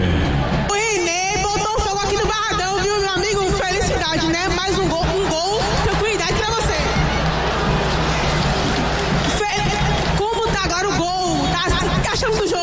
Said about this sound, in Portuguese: É, o Coteigão tá aqui cantando, vibrando, não conseguiu nem me escutar direito, viu? René botou fogo aqui no Barradão, aí, volto com você.